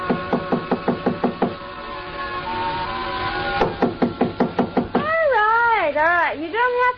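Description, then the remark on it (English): A rapid series of sharp knocks on the wooden door of a ninth-floor hotel suite, a pause, then a second quick burst of knocking, followed by a wavering voice calling out. “So I tried knocking.”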